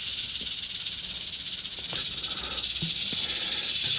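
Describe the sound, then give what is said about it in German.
A snake hisses continuously during a snake call-out in Melle, a steady breathy noise spread across the high range, with a few faint low knocks underneath and no talking. “Bauer ist Reptilienspezialist aus Hilter und wurde kurzerhand zu dem Schlangeneinsatz gerufen.”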